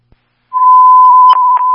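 A loud, steady single-pitch fire dispatch radio alert tone (Signal 15) starts after a short silence and holds without wavering, broken by two brief crackles near the end, sent for a fire alarm at Latham Water District, 100 Onderdonk Avenue.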